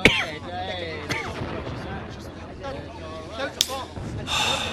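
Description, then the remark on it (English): Allied bombing, heard as a few sharp, heavy blasts at irregular intervals over a continuous low, rumbling background that swells and fades like rolling thunder. “What is it? Bombs? The Allies? It is the Allies.”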